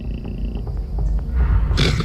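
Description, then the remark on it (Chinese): An ocelot, a predator of dry salt marshes, growls in a low, continuous rumble, fairly loud, rising into a harsher, raspier snarl just before the end. “比如虎猫、”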